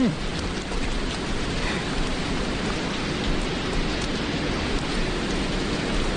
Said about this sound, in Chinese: 好好的景致，怎么转眼就下雨了？ 小姐，雨太大了，我们去前面的亭子里躲躲吧。